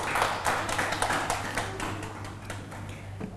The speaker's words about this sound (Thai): ถูกต้องเก่งมากๆเลยค่ะปรบมือให้กับเพื่อนของเราด้วย